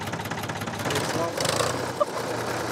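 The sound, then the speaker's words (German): An old Ford Super Dexter 3000 tractor from the 1960s runs steadily on a small farm, its low, rhythmic chugging continuous throughout, with a brief sharper knock near the end. “Es ist ein Ford Super Dexter 3000 aus den 60er Jahren.”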